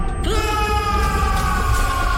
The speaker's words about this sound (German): Reißt ihn heraus aus den Tiefen eurer Seele, den Schmerz! Und lasst uns jetzt laut zusammen schreien!